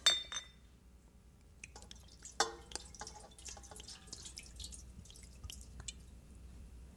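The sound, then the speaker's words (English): A glass bottle clinks sharply as it is opened, then its liquid is poured out, trickling and splashing down a drain in uneven spurts and drips, fairly quiet, with no one speaking. “Lord, if this is real, and if I'm really a child of God, then let me take that bottle and open it and pour it down the drain.”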